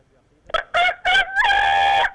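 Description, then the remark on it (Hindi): A person imitates a rooster crowing, starting with a few short choppy bursts and then stretching into one long, loud, sustained cry, with no other sounds around it. “गले से अटक गया मुर्गा।”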